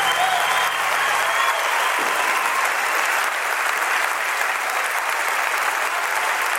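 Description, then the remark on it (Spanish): Loud, sustained applause from a large audience fills the whole stretch, a dense steady wash of clapping with no voices standing out. “Un aplauso para Bel, más fuerte.”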